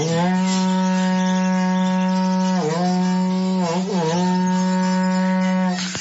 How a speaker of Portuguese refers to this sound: Queria que você tocasse berrante aí, viu? Tá bom? Eu toco sim.